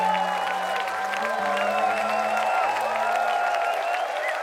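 A large audience applauds steadily for several seconds, a dense wash of many hands clapping with crowd noise and sustained cheering mixed in, full and even throughout.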